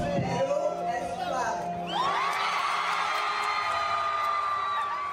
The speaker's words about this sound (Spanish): Allí la actriz se reencontró con sus seguidores peruanos en una noche que reunió a medios locales e internacionales de distintos países de Latinoamérica. El público la recibió entre gritos y aplausos, demostrando que finalmente Perú es clave.